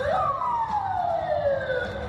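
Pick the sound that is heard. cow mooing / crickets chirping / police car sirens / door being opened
police car sirens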